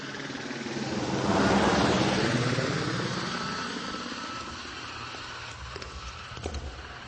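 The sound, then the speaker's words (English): A helicopter's engine and rotor drone swells to a loud peak early on, then eases into a steady, lower hum, with a few faint clicks near the end. No one speaks. “And I always wanted to take a ride in a helicopter.”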